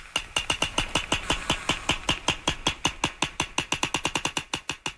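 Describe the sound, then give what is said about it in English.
A steady, rapid train of sharp sperm whale echolocation clicks, used by the whales to find their food, roughly eight per second, evenly spaced and fairly loud throughout, with no voices. “This is called echolocation, or biosonar, and sperm whales use echolocation to find their food. And this is the sound they make to do that.”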